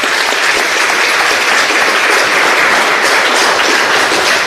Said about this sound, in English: In Group A, we have Ballymore Eustace, Monastreven, Stafford, Castle Dermot, and in Group B, we have three teams, Grange Nolvan, Newtown Gales, St. Kevin's, and a round of applause for that particular draw.